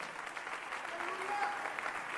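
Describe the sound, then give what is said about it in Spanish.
A large crowd applauds loudly and steadily for the King of Kings, a dense wash of clapping that holds for the whole stretch, with faint voices and a brief whistle-like tone mixed in. “Dele ese aplauso fuerte al Rey de Reyes. Fuerte, fuerte, fuerte el aplauso.”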